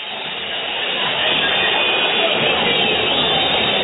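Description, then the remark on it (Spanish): Independiente fans in the stadium in Avellaneda whistle in disapproval on a cold night at the end of the match against Platense, a dense, shrill, continuous wash of sound that swells slightly after the first second and holds loud and steady, with no voices standing out. “Terminó el partido con un frío que silba en la noche, porque la calentura del hincha de Independiente se transforma en el frío de la noche, y el frío se transforma en silbido de reprobación para Independiente”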